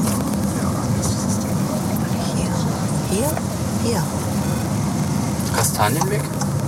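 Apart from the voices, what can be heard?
car driving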